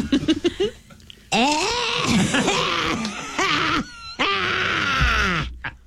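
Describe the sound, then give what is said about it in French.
A person imitates a goat that has smoked for 50 years and has just completed a half marathon, hacking and coughing: a few short clicks, then long strained, wavering bleats and rasping groans in a bursty, raspy run, with brief pauses between loud outbursts. “Alors maintenant, une chèvre qui fume depuis 50 ans et qui vient de compléter un demi-marathon.”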